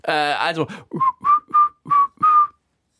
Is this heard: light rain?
no